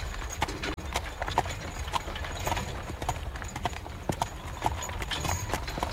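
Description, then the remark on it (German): Steady clip-clop of horse hooves of a carriage on a hard road, with further unhitched horses tied behind it, a brisk repeating rhythm over a low rumble of wheels, moderately loud throughout with no talking. “Das Fuhrwerk von Karl Bartsch ließen wir stehen, nur die Pferde spannten wir aus und banden sie hinten an meine Kutsche.”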